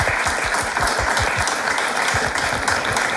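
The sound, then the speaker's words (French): Sustained applause from a crowd for the contestants leading a game, dense and steady clapping filling the whole stretch at a fairly loud level, with no voices standing out. “Bravo, on vous félicite et je pense qu'on peut Merci. Vous applaudir d'ailleurs.”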